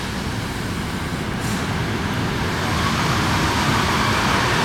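An old Dutch 'hondenkop' passenger train on the line to Soest rolls into a station with a loud, steady rumble that swells slightly as it nears, with no voices.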